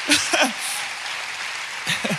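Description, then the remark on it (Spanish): An audience applauds the Lord in a steady, dense wash of clapping that fills the whole moment, while a man's voice speaks over it briefly at the start and again near the end. “Si vas a aplaudir, apláudale fuerte al Señor.”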